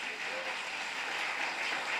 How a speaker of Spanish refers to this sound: Un fuerte aplauso para el Espíritu Santo.